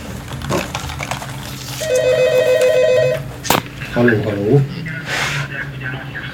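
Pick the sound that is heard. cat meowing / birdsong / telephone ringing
telephone ringing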